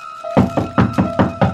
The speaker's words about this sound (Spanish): cuando escuché unos golpes en la puerta.